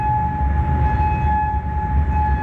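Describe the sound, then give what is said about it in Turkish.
A steady, sustained air raid siren tone holds over a deep, rumbling low-frequency background, loud and continuous with no voices, sounding in Bahrain. “Kuveyt'in dışında Bahreyn'de de sirenler çaldı.”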